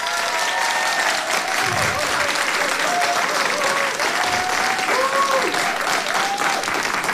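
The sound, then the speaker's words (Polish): The audience in Radio Opole's Studio M named after SBB applauds steadily before a concert, a dense, even wash of clapping that holds at full volume throughout, with faint scattered voices and a few whistles mixed in. “Publiczność w Studio M jest jak zawsze niezawodna, także nie trzeba tłumaczyć, że przed nami kolejny, pierwszy po wakacyjnej przerwie koncert w Studio M imienia SBB, ale koncert wyjątkowy.”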